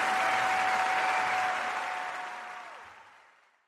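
A crowd applauds in a dense, steady wash of clapping that tapers off and fades out over the last second, with a faint sustained tone sounding beneath it before dipping away.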